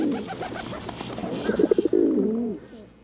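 Several pigeons coo in low, throaty, rolling calls that overlap and swell, with a brief burst of soft fluttering pulses midway before the cooing trails off.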